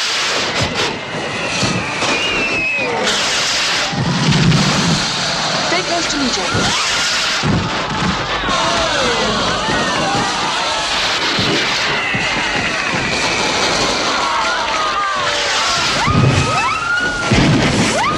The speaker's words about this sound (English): They look up to fireworks.